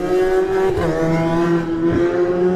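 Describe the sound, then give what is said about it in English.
A Kawasaki superstock racing motorcycle, bike number 33 ridden by Timothy Minot, screams as it accelerates hard off the start line, loud, its high engine note climbing and dipping at two quick gear changes. No voices. “And he's always all action off the line.”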